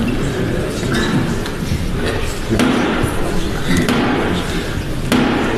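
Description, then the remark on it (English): Several slow, heavy knocks by Black Rod on the thick door of the House of Commons as the King and Queen arrive, evenly spaced and loud, each ringing briefly while a crowd murmurs continuously in the background. “Then the King and Queen arrived, which meant that Black Rod had to go and knock on the door of the House of Commons and just see if you can hear what one MP shouted as he did it.”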